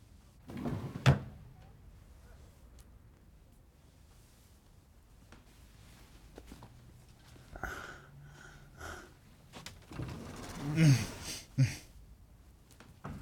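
Drawers in a motel room slide open and bump shut several times, with wooden thuds and scraping, a cluster of louder knocks near the end, and soft rustling and breathing in between.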